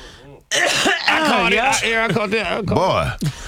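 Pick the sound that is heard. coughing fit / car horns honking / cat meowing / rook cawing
coughing fit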